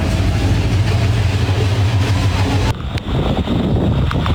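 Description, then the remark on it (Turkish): Idling car engines in a traffic jam in the Himalayas, with queues reaching 30 kilometres and vehicles forced to park, hum steadily in a low, loud drone with some wind buffeting, then the scene cuts abruptly to a quieter rumble. “Trafiğin park etmek zorunda kalan araçların ucu bucağı görünmüyor.”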